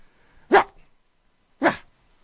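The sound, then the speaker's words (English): A person imitates a little Shih Tzu's yappy bark twice, two short sharp woofs about a second apart, fairly loud with silence between them. “It's pretty good, huh? That's a little Shih Tzu bark.”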